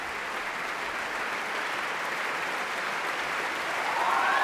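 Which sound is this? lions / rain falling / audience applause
audience applause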